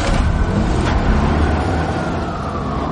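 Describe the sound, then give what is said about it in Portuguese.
A police car rushes by, its loud engine and tire roar filling the scene and holding steady for a few seconds, with no voices. “Lá vem um carro.”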